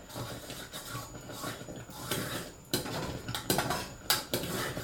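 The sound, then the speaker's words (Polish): A thick, creamy sauce boils continuously in a pot, bubbling and popping with irregular soft bursts and a few sharper clinks against the pan's side; no one speaks. “Ona też zaczyna w taki charakterystyczny sposób bulgotać, bo oczywiście cały czas się gotuje.”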